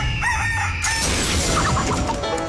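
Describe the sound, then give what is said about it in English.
A loud rooster crows a full cock-a-doodle-doo, its wavering call rising and stretching over a dense backdrop of music and noise, with no talking, in the opener for a chicken-themed game called Cluckwits. “the game is called Cluckwits. Shout out to Marky Pritchard. He made the hell out of that opener.”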